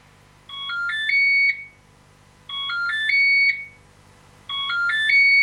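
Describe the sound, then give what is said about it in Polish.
An appliance plays a short electronic melody of bright, stepped tones three times in a row, each phrase rising and ending on a held note, with brief pauses between repeats and no talking. “Słychać melodyjkę?”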